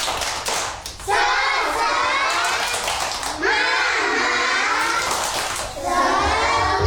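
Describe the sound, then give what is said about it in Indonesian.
A group of children at Radio RRI do a 'tepuk semangat' clapping cheer led by their teacher, clapping in a quick rhythm and chanting together loudly in bursts, their high voices rising and falling over the steady claps. “Oke, supaya lebih semangat, Miss ajak dulu untuk tepuk semangat ya. Tepuk semangat.”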